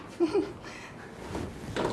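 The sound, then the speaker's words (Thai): A wooden frame being screwed together gives two short, low creaks in quick succession from a knot in the timber, followed by faint rustling and a soft groan of strain; no one speaks. “เสียงลั่นเลยนะกรอบแต่ว่าไม่เป็นไรคือคนนี้เกิดขึ้นได้”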